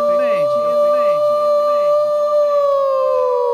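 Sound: voice imitating a siren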